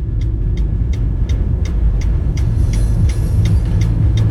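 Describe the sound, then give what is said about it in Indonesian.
Heavy, steady engine rumble from road traffic in a jam near the turn toward Betek, vehicles idling, with a faint regular ticking running throughout and a brief hiss near the end. No one speaks. “Nah ini yang harusnya belok kiri bisa jalan terus. Padahal belok kiri jalan terus loh. Kok macet banget.”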